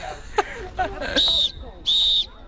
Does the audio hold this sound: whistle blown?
yes